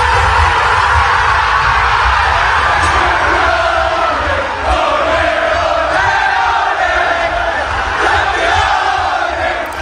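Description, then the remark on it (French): Arsenal football players in London shout and cheer together at about 10:30 pm on realizing they had become champions of England, loud, overlapping yells of celebration sustained without pause, with whoops rising above the dense crowd noise. “Les cris de joie, la délivrance hein, même. Ce sont les joueurs de foot d'Arsenal hier soir que l'on entend vers 22h30 à Londres au moment où ils ont compris qu'ils étaient donc champions d'Angleterre.”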